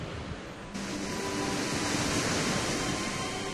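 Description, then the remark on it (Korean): A waterfall falling along stone pillars, heard from right beside it, roars with a dense, steady hiss of rushing water that swells louder after the first moment and then holds constant, with no voices present. “와, 폭포 바로 옆까지 갈수 있네요.”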